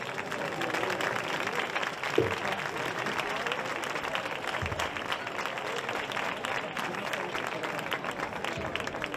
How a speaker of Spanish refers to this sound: Un fuerte aplauso.